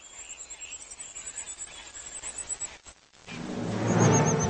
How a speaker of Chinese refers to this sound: 它的叫声不仅尖利持续，而且效果和一窝小鸟讨要食物的声音不相上下。